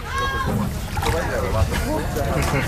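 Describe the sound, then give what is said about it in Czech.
A boat carrying freedivers motors about 10 km from the shore of Limassol, Cyprus, out to open sea, with steady engine rumble and sloshing, splashing waves, while people's voices chatter faintly in the background. “nasedáme do člunu, který nás od břehu kyperského města Limassol veze asi tak 10 km na volné moře.”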